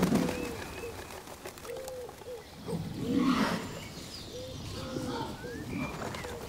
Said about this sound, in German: Ringeltauben sammeln sich in Schwärmen. Sie besuchen den Waldtümpel ein letztes Mal.